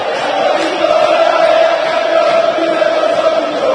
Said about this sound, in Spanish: Grita de fiesta la gente sacándose la mufa.